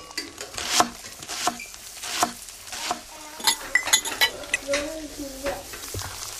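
Dishes and cutlery clink and clatter in a kitchen in an irregular flurry, with sharp metallic taps and a few bright ringing chimes, plus some scraping and stirring noises throughout.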